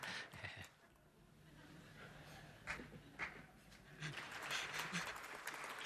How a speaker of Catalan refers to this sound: Val aplaudir xistes, també.